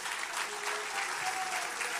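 Steady applause from a crowd, a dense, continuous patter of many hands clapping at an even level for the full two seconds, with no distinct voices standing out.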